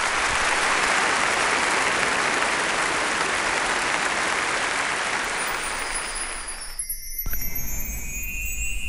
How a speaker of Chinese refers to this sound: 尽管如此，剧场里还是爆发出了雷鸣般的掌声。鬼怨终于演完了。